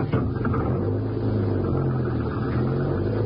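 A car engine, started up to drive down the road, hums steadily throughout, a loud, low droning rumble with a constant pitch and no pauses; no one speaks.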